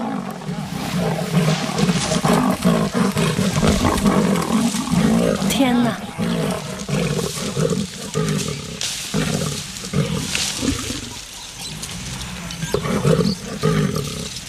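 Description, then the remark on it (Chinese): A lioness and a leopard roar and snarl loudly in a sustained, rough clash up in a tree, growls rising and falling throughout the fight while a person exclaims briefly over the commotion. “我的天哪，太不可思议了， 狮子和花豹竟然在树上打起来，这场景更是难得一见。”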